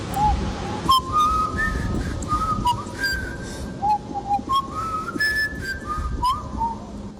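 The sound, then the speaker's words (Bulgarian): Someone whistles with their mouth a short melodic signal call that two brothers used, a string of clear rising and falling notes in quick phrases over about seven seconds, against a low background rumble. “Още си спомням сигнала, който двамата брата имаха, тази свиркане с уста.”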